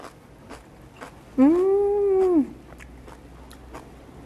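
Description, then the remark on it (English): Crisp, crunchy chewing of slightly blanched kimchi in a steady rhythm of bites, interrupted by a single drawn-out hummed 'mmm' partway through. “Really crunchy and also a little bit chewy because we slightly blanched it.”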